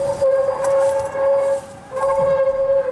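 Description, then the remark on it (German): An okapi vocalizing: two long, steady, mid-pitched tonal calls, almost siren-like, separated by a brief pause. The calls are loud and heard on their own, with no talking. “Das Okapi ist ein sehr scheues Tier.”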